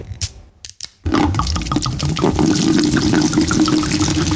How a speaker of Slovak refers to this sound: Vlejeme si teda mušt.